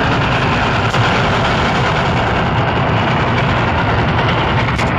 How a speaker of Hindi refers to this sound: ये दोनों लोग खेतों में से भागते हुए जा रहे हैं पहली बार गांव के नजदीक से गुजरती छुप छुप रेलगाड़ी को देखने के लिए।